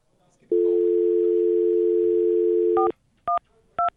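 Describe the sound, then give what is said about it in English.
A steady, loud telephone dial tone hums for over two seconds, then cuts off as three separate keypad dialing beeps follow at an even pace as someone dials to call their mother. “I gotta call my mom.”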